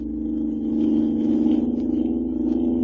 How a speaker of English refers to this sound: Looky at us go. Leaving it behind like it was standing still. This car's got an engine in it, all right.